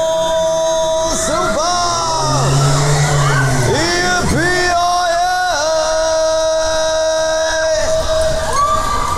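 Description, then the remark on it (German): A fairground ride at the Ferner Domweih whirs and revs up as the last machine is switched on, its whining motor tones rising and gliding, while a crowd of riders cheers, whoops and yells loudly throughout. “Komm, wir schalten mal die letzte Maschine dazu. Abschuss, Baby, Tempo!”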